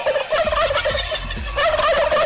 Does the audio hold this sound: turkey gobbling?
yes